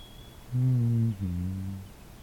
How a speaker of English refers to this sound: I don't know the name of this bird, but I am familiar with it. You also hear it at the cottage.